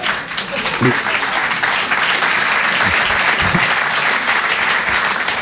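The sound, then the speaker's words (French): Steady, loud audience applause fills the whole stretch, a dense wash of clapping hands with a few voices briefly cutting through underneath. “Ça ne vaut pas les applaudissements, en fait.”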